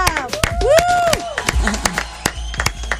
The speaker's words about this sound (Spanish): Su un aplauso para Juanita Molina.